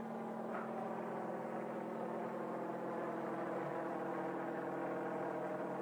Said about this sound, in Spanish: El helicóptero miró hacia el sitio donde le ordenaba Calimán. El poderoso helicóptero se inclinó hacia uno de sus lados para realizar la operación de cambiar rumbo.